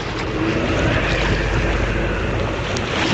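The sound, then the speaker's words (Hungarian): A rowing boat near Szeged on open water, rowed against a strong headwind, with a continuous loud rush of wind and sloshing water throughout and no voices. “Mélyen meríts! Egyszerre húzzuk, különben felborulunk! Húzzál erősebben, a szél ellenünk dolgozik!”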